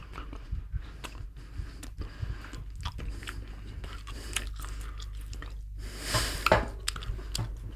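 Wet chewing of heated mint gum: a steady run of sticky squelches and soft clicks with occasional crunchy bites, loudest near the end, no talking.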